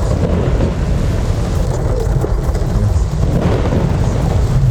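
Heavy rain pours down steadily and loudly in Ciudad Jardín, with a deep continuous rumble of thunder underneath, filling the whole stretch without pause and with no voices.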